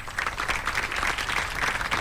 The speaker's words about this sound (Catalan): Aquest fort aplaudiment després de les presentacions